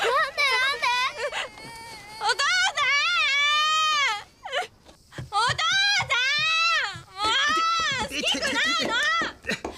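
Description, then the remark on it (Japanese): A 7-month-old baby wails loudly and repeatedly in long, rising and falling cries with brief gasping pauses between them, filling the whole stretch. “7ヶ月になったんだ。 あ、泣いてる。”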